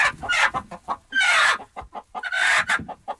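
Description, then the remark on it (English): A chicken clucks in quick, uneven bursts, with two longer, louder squawking calls breaking up the rapid short clucks. No voices accompany it. “Or there was a case of a macaque monkey who made friends with a chicken.”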